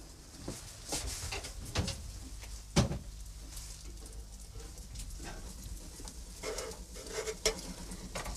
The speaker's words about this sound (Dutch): zal nog eventjes checken nu in mijn oven hoe dat daar zit met die koekjes.